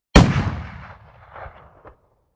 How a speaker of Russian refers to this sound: Я зарядил винтовку, оперся об оставшуюся наклонную часть крышки, прицелился в Эльпис, которая сломала шею и лежала, привалившись головой к каменной стене. Подождал, пока руки перестанут трястись, и нажал на спусковой крючок. Одного выстрела хватило.